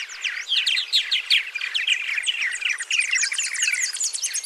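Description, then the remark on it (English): A dense chorus of purple martin calls from a large nesting colony, many birds chirping and gurgling over one another at once in a steady, busy flock clamor with no pauses and no voices. “Purple martins nest in large colonies, leveraging their numbers to warn away and defend against predators.”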